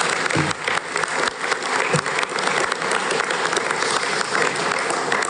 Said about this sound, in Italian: Facciamogli un applauso.